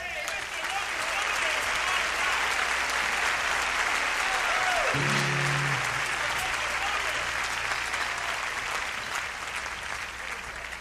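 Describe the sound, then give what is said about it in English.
An audience claps steadily and loudly for a string section, a dense wash of hand claps that never lets up for the whole stretch, with a brief low tone sliding downward partway through. “In the rear, ladies and gentlemen of this beautiful, beautiful, beautiful string section, will you please stand and accept your just applause?”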